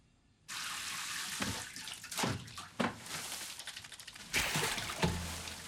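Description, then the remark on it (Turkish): Tap water runs steadily into a tub being filled for a hot bath, a broad continuous rushing hiss that starts abruptly after a brief silence, with occasional louder splashes and gurgles as the stream shifts. “Banyo yapacağım.”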